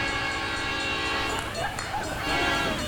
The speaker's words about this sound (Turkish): Tren geliyor, tren.